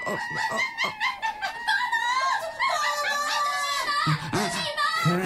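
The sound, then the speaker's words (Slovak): Monkeys screech and chatter in a dense, shrill chorus of overlapping high calls, loud and continuous for several seconds with no one speaking. “To je, prosím, zase čo? Opice.”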